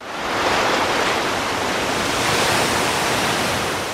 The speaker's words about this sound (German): Es ist mitten in der Nacht, stockduster und menschenleer, hier am Strand von Escobilla. Nur wer genau hinhört, nimmt neben dem gleichförmigen Rauschen der Wellen auch das leise Schnaufen der Meeresschildkröten wahr.